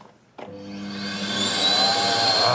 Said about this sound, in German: es brummt, nicht nur das kaputte Radio vom Yannick brummt, sondern auch der Staubsauger